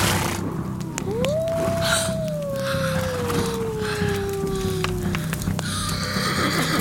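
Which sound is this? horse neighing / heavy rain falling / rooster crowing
horse neighing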